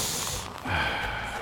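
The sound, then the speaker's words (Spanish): Steady hissing fizz of Coca-Cola being poured into a glass, a brief dip midway before the bubbly crackle surges back and continues to the end. “Mira, voy a servir otra. Sí, así le hace la coca.”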